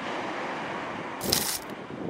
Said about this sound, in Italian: Vediamo, o meglio sentiamo, se si sente il mare.